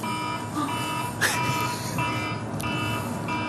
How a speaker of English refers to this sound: It's an alarm. Just a bit of an alarm going off. I reckon that was a little bit late in the North Melbourne coaches' box, that alarm. It should have been much earlier.